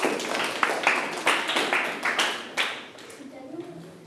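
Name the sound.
students clapping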